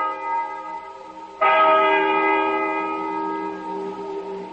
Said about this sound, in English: Listen to that bell.